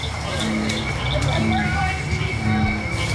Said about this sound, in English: Cricket frogs, bullfrogs, and even the bird-voiced tree frog all add their songs to a growing chorus.